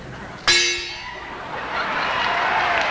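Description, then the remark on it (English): An imported Edmonton gong is struck once with a sharp, loud hit, then rings on in a bright metallic shimmer that slowly fades. No voices are heard. “And imported Edmonton gong.”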